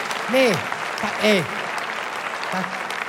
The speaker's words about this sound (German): Aber merkt ihr, das sind diese Unterschiede. Ne? Heute klatscht man, früher war das normal.